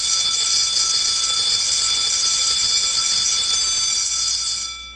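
A loud electric bell rings continuously for about five seconds, a bright metallic clangor that holds steady and then cuts off at the end, with no voices over it.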